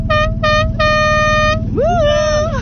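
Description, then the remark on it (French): A boat horn honks loudly: two short blasts and then a longer one, followed by a wavering, pitch-bending tone, all over a steady low engine rumble. “On peut peut-être klaxonner,”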